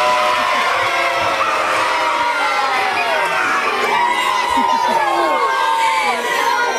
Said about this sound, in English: we've got posters, we've got colours. Everyone is here. A few Blues fans, but mostly Maroon here to cheer on Max as he dons that number 13 jersey tonight.